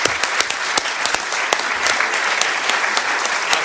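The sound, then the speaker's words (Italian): An audience applauds Professor Natalino Irti at the close of his lecture, recorded 10 November 2011, a dense wash of many hands clapping with sharp individual claps popping out of the steady roar, with no one speaking. “Forse, signori, dobbiamo chiudere questa bella conversazione, conferenza, discussione con un applauso al professor Irti e ringraziamento.”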